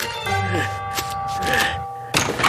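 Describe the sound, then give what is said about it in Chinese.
A door is opened: a steady ringing doorbell tone holds for about two seconds, broken by a couple of soft knocks, then a heavier thunk of the latch and door at the end. “我可能没事了，我听见老姜来开门。”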